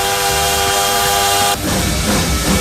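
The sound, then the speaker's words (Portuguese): A loud train whistle sound effect, called a bullet train, blows a steady, multi-toned blast for about a second and a half, then cuts off into a rush of hissing steam and rumbling. “Olha o trem bala por aqui, gente.”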